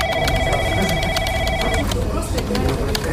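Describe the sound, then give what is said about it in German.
A steady electronic office phone tone rings for nearly two seconds over busy overlapping chatter and clatter, then stops while the background noise continues. “Klingelnde Geräte, unfreiwillig mitgehörte Telefonate, die im Endstadium röchelnde Kaffeemaschine, solche Sachen.”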